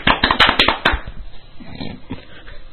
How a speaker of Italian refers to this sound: Abbiamo deciso che abbiamo un pubblico qui che al nostro cenno applaude come i deficienti.